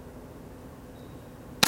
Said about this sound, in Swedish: Där kom skottet. Och det blev nolla högt. Jag missar alltså!